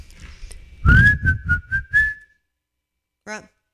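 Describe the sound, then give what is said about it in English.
Someone whistles a short, clear tune of several sliding notes over a few low, rhythmic thumps, then a brief voiced sound follows after a pause. “Whistling is emitting a clear, high-pitching sound by forcing breath through a small hole between one's lips or teeth and has been used in movies, songs, and other art.”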